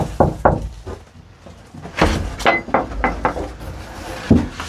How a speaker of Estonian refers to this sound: See suur pada oli kõige esimene asi, mis ma tallu ostsin. See oli puudu. Miks sa koputasid siin?